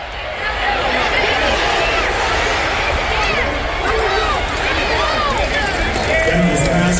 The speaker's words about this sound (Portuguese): Olha que legal esse frisson da torcida, vocês acabaram de entrar junto comigo dentro de um estádio de futebol americano.